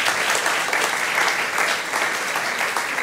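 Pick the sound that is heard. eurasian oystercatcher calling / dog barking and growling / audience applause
audience applause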